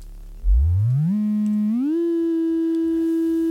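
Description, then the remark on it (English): A steady electronic sine-wave tone from an oscillator on an electronic analog synthesizer with a pin patching panel, starting low and gliding upward in pitch in two smooth steps before holding a constant note, loud and alone with no talking. “There's a patching panel where you push pins into, and you can start by just producing a simple oscillator tone. Here's a simple sine wave.”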